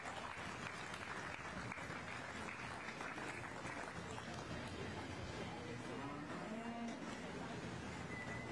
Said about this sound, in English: Let's give all these a round of applause and they go out and we'll bring these two back.